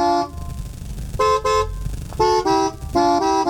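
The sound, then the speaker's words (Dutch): A car horn honks out a short song tune, a series of loud blaring notes at slightly shifting pitches, a few long and a few clipped, over a low engine rumble. “Welk liedje speelt Timmy Toeter met zijn toeter vandaag?”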